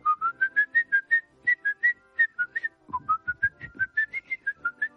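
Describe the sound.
A person whistles a well-known film melody, one that brings to mind the film M, el vampiro de Dusseldorf: a quick run of bright, clear notes in a steady, lilting rhythm, with no talking over it.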